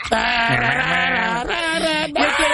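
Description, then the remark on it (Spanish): A person's voice imitates a goat's bleat, a loud, wavering, nasal cry held for about two seconds with a brief break near the end. “El grito de chivos.”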